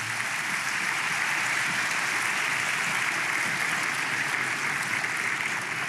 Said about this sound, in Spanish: Vamos, dele palmas al Señor.